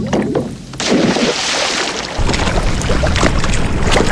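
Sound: water sounds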